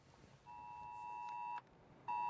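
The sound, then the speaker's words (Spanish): A piercing electronic alert tone sounds in a long steady blast, breaks off briefly, then returns even louder, harsh and insistent: a mobile phone emergency alert from the emergency services, sent during advancing wildfires, with no voices. “Este sonido puede salvar vidas. Cuando llega el móvil, hay que seguir inmediatamente las instrucciones de los servicios de emergencia.”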